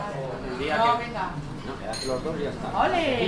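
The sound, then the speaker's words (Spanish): Busy morning café ambience in a café in Logroño, with dishes and cutlery clinking, layered under a steady murmur of several people chatting. “Comienzo del día en una cafetería de Logroño.”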